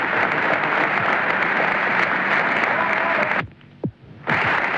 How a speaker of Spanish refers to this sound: Prolongados aplausos de emoción, de alegría y también de despedida a quien nos mantuvo la moral en alto.